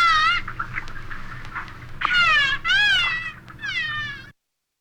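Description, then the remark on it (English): Needle-nosed dolphin calls: a run of four or five loud, wavering, nasal squeals that bend up and down in pitch, with a low rumbling hum underneath and no talking. “So what I will say is that needle-nosed dolphins do sound pretty cool here on WUSC-FM and HD1 Columbia”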